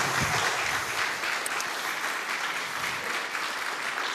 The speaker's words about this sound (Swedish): Tack, tack så mycket. Och, ja, en applåd.